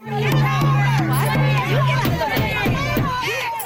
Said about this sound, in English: Tim Houston was addressing the Annapolis Valley Chamber of Commerce in Wolfville as his first stop on a speaking tour. When he arrived, about 50 peaceful protesters were outside, but by the time he left, the crowd had grown bigger and much louder.